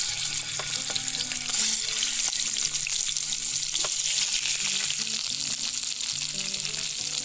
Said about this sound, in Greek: Όσο πίσω ακούτε και δεν ξέρω αν βλέπετε που τσιτσιρίζουν τα κοτόπουλα, τα κοπανάκια και παίρνουν χρώμα, θέλουμε να τα θωρακίσουμε, να πάρουν χρώμα, να καραμελώσουν μαζί με το δέρμα από όλες τις πλευρές.